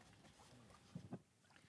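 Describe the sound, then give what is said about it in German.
Water laps around a very large rowing boat carrying about ten people and a camera team during training on the Masurensee lake, with two quick splashing knocks of oars or hull breaking a low, steady watery background. “Und wir sind jetzt hier im Boot von ThyssenKrupp.”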